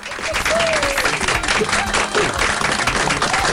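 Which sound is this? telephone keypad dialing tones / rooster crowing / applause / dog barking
applause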